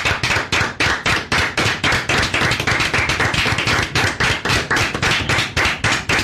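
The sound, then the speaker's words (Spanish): Steady, rhythmic clapping, sharp claps in an even beat of about four per second, loud and unbroken for several seconds with no voices over it. “Y un aplauso, por favor. Sí, aplausos.”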